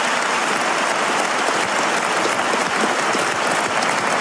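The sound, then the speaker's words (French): Sustained audience applause for Gabriel Attal at a political debate, dense and steady clapping from a large crowd filling the whole stretch, fairly loud with no pauses. “Ah ben, c'était le plus applaudi.”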